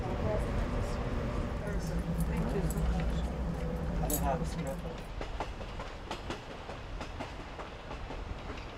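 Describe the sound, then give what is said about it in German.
A passenger train travelling to the Grand Canyon through a large nature reserve, at a top speed of 65 km/h, rumbles steadily along the rails with low, continuous mechanical noise, occasional metallic clacks and squeaks, easing slightly in loudness partway through. “Deshalb braucht der Zug auch mehr als 2 Stunden für die 100 Kilometer an den Grand Canyon.”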